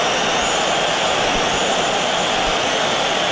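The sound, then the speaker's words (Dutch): A stadium crowd of his own fans whistles in protest as footballer Juliano enters the field as a substitute, a dense, shrill wash of many whistles that holds steady and loud for the few seconds, with no voices speaking over it. “Ja, een flink fluitconcert toen hij het veld betrad.”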